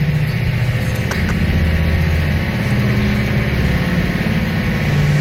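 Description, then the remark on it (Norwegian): A treadmill runs at its top speed of 20, a loud, steady mechanical roar with a strong low hum and rapid rhythmic thumping, like a washing machine on spin, with no one speaking. “Altså, det høres jo ut som det vaskemaskinen din som har på centrifugen, liksom.”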